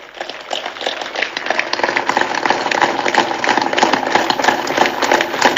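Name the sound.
applause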